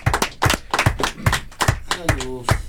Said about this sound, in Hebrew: בראבו. מה, אתם לא מוחאים כפיים?